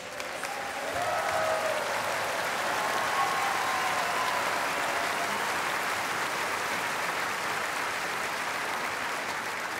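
A large crowd claps steadily in a dense, sustained wash of applause, with a few faint whoops or whistles near the start, holding at a strong level for the full ten seconds.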